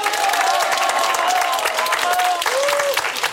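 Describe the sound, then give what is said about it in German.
A large, cheerful audience at the TT-Familienfest family festival, in sunshine, applauds steadily with dense, continuous clapping, and a few rising whistles and cheers cut through the roar. The level stays loud throughout. “Und das Schönste ist, wir haben ein super gut gelauntes Publikum und wir freuen uns jetzt über einen riesen Applaus und einen Gruß in die große weite Welt hinaus.”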